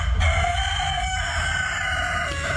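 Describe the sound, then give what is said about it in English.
A rooster at Prickle Farm Poultry near Wagga, a farm breeding and showing chickens, crows in a loud, sustained call with a strained, harmonic-rich tone over a steady background of farmyard ambience. No one speaks. “runs Prickle Farm Poultry near Wagga, breeding and showing chickens.”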